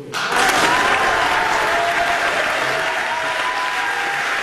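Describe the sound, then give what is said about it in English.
A crowd in the National Assembly of Quebec bursts into sustained applause after Paul St-Pierre Plamondon is sworn in as a member, loud and steady clapping that fills the whole clip, with faint cheering or voices mixed into the clatter. “And the crowd goes wild, as they say.”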